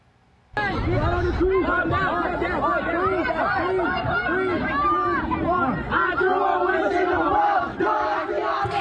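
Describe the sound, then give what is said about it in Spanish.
A dense crowd of about 500 teenagers at an unauthorized gathering in a shopping mall in Aurora, Colorado, runs through the mall shouting, yelling and fighting among themselves, loud and chaotic, with overlapping screams and excited voices sustained throughout after a sudden start. “Los videos muestran a decenas de jóvenes corriendo por el lugar gritando y peleando entre ellos.”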